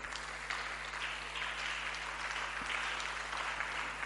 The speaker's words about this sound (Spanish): Aplauso al Señor.